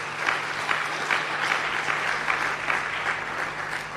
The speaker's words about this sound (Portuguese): Por isso quero pedir uma grande salva de palmas para eles e elas.